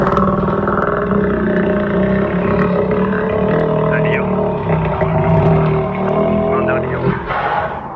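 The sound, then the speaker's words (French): A crocodile or alligator bellows in a deep, continuous rumbling growl, loud and steady for about eight seconds, with low vibrating tones and a rougher swell near the end. “Eh ben non, c'est un crocodile ou un alligator.”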